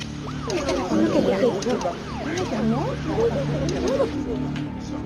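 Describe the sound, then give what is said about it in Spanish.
Several ambulance sirens wail at once as the ambulances arrive, their rising and falling tones overlapping in a steady tangle over a low engine rumble, with faint voices underneath. “Ya vinieron las ambulancias y hay que tomar todas las huellas digitales.”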